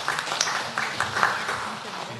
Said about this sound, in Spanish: Muchas gracias. Un fuerte aplauso, por favor.